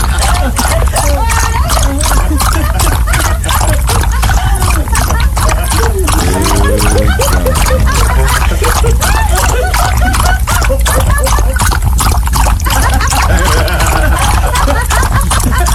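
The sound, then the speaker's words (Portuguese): Water is poured for a dog, splashing steadily in a loud continuous trickling with choppy bursts, while voices talk in the background. “Não bote água pra ele, não, pra você ver a agonia que é.”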